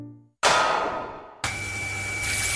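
Water bursts out suddenly and loudly from a burst water pipe in a house, then settles into a steady rushing gush with the low hum of a water pump running loudly underneath. No one speaks.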